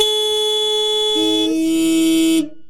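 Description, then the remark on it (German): A loud, sustained car horn blares for a couple of seconds, its pitch dropping partway through as a second lower tone takes over, then cutting off abruptly. “Und heute gibt die Hälfte der Autofahrenden an, dass man sich bei Ärger im Straßenverkehr ganz wunderbar mit einem kräftigen Hupen abreagieren könne.”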